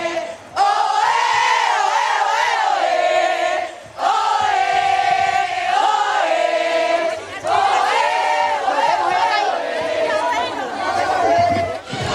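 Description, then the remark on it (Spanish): A large outdoor crowd in a plaza cheers and shouts loudly, applauding performers on a stage, many voices blending into a sustained roar with brief dips, applause mixed in beneath the continuous cheering. “Fuerte el aplauso de la plaza para las Crazy y para Quinquiñeta.”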